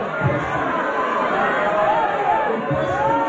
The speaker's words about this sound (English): Some of the crowd yelled at Adams to put the data center in his backyard and not theirs